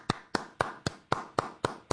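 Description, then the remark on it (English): Steady hand clapping by one person, eight sharp, crisp claps in an even rhythm about four per second, with no voices. “So here's me clapping.”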